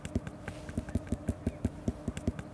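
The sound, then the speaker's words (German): Knuckles carefully rap the end of a ripe watermelon, checking its ripeness, in a quick, steady series of hollow, low thumps, about fifteen knocks close together, moderately quiet with no talking. “Du suchst dir immer die Endstellen aus und klopfst da ganz vorsichtig drauf.”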